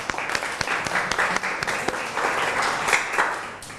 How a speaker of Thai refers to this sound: ปรบมือให้ตัวเองหน่อย